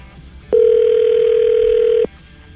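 A single steady ringback tone from an outgoing phone call, lasting about a second and a half, loud and close over a faint low background hum, then cutting off.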